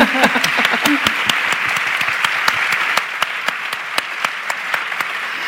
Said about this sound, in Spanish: Pues un aplauso, aplauso para también ella. Para ella, si está aquí.